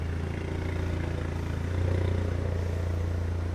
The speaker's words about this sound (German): Auf dem Gelände der Polizei untersuchen die Beamten den Wagen nach Mängeln. Der Halter muss das Auto auf eine Hebebühne fahren.